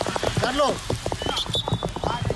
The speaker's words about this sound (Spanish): Este ha sido el sonido de la tromba de agua que ha caído.